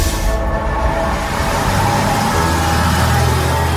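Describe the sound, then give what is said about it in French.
A city bus on line E in Laval, France, drives along with a steady engine rumble and constant road noise as it approaches the stop at place de la Trémoaille. The low drone shifts slightly partway through, and no one speaks. “Nous sommes sur la ligne E du bus Lavallois. On arrive place de la Trémoaille,”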